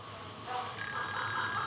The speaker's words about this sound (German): Mein Wecker hat um 5 Uhr geklingelt. Nicht meine Zeit.